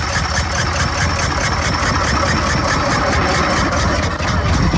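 Carl Benz's early automobile engine, which runs on fuel rather than wood and is much smaller and handier than a steam engine, idles: a loud, steady chugging with rapid, regular pulses and a rattling, knocking texture that continues unbroken throughout, with no voices.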